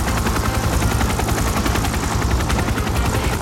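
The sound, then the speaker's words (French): A helicopter, sent by JFK to a film set on 17 May, roars loudly, its rotor blades chopping in a fast, steady rhythm over a deep engine rumble, with no voices. “JFK, le 17 mai, fait envoyer un hélicoptère sur le tournage du film.”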